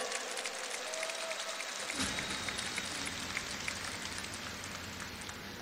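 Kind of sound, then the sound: crowd, audience applause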